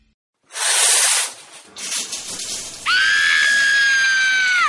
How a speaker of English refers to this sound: Why is the water freezing? Cold showers are the worst.